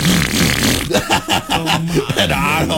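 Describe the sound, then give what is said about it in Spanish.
A voice imitates a motorcycle pulling up, sounding like a motorcycle without an exhaust: a loud, continuous buzzing rasp gives way to choppy, sputtering bursts and a low droning hum, lasting about three seconds. “Yo llego en mi moto, ¿cómo le hace la moto cuando llego?”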